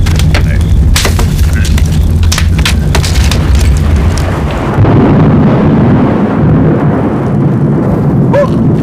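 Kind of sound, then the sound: nature, loud thunder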